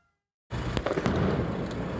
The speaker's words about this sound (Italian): La camionetta dei carabinieri in fiamme, il fumo che si alza dal cantiere, il rumore della battitura delle reti di protezione che accompagna l'esplosione di razzi e bombe carta. È stato un pomeriggio di guerriglia in Val di Susa